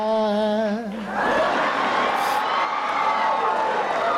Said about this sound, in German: Ja, und Applaus auch für Sie